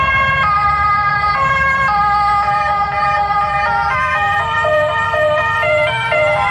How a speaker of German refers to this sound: Und das war die Rettung? Das war jetzt die Rettung, okay.